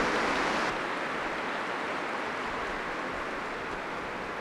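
An audience in a basilica applauds steadily after Mass, thanking the priest and the pilgrims; a dense wash of many hands clapping with no individual claps standing out. The sound stays fairly loud throughout and eases slightly after the first moment, with no one speaking.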